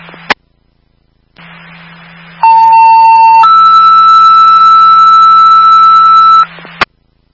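A radio squelch click and hissy hum open into a two-tone dispatch alert page: a steady lower tone for about a second, then a longer, higher tone for three seconds, ending in a click.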